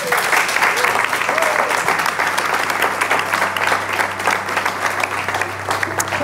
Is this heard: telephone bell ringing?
no